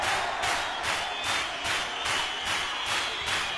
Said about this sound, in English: Now clap your hands.